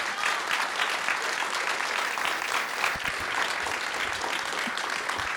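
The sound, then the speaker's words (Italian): A crowd applauds steadily, a dense wash of clapping that holds at an even, fairly loud level for several seconds without letting up. “Un grande applauso.”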